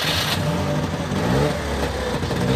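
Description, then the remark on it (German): A small two-stroke Trabant car engine revs steadily and loudly, its buzzy, rattling drone rising in pitch over a few seconds with no voices present. “Ach, das klingt sehr zweitaktig, das muss ein Trabant sein, oder?”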